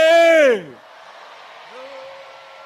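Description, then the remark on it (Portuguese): A loud burst of shouting voices from a crowd of women and men in Matutuíne, Maputo province, rises and then falls in pitch for about half a second, fading into a low murmur of crowd noise. A fainter cry follows. “Vamos agora gritar, mulheres, vamos ajudar os homens.”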